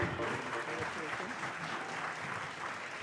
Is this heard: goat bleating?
no